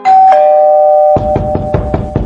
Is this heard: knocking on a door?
yes